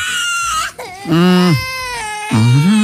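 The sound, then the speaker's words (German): A toddler cries loudly on an airplane shortly before takeoff in drawn-out, rising and falling wails, three sobbing bursts one after another with brief catches of breath between them. “An dieser Stelle, nichts gegen Kleinkinder. Ich habe neulich auch erst gelernt, dass die im Flieger gerne mal schreien, um den Druck im Ohr auszugleichen.”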